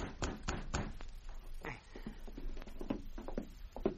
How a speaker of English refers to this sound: Carl Dykes was in his cabin alone when he heard a knock on the door.